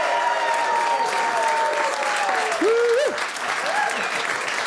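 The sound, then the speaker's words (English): A steady round of applause from a live studio audience at ABC Studios, dense clapping that stays loud throughout, with a few whistles and cheers rising above it. “A big round of applause to be here in person.”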